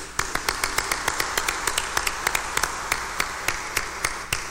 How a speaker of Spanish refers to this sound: Démosle un fuerte aplauso de felicitación.